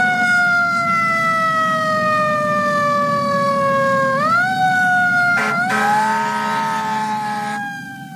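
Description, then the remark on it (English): A loud ambulance siren holds a long, slowly falling tone over a rumbling engine, then sweeps upward. A burst of hissing noise follows before the sound fades. “Somebody call an ambulance! 911! 911!”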